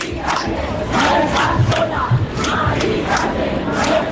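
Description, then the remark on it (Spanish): A large crowd protesting in Madrid against the eviction of an 87-year-old woman shouts together in loud, rhythmic bursts. Their voices rise and fall in chant-like waves over a constant roar, carrying the 600 metres from Puerta del Sol to Carrera de San Jerónimo, up to the doors of the Congress. “Gritos que recorrían los 600 metros que separan la Puerta del Sol de la carrera de San Jerónimo.”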